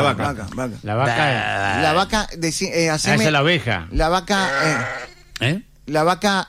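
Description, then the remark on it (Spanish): A person imitates a cow mooing, drawing out several loud, wavering vocal lows in quick succession, with brief pauses between the bursts. “Eso que es una vaca. Es un burro, burro. No, vaca.”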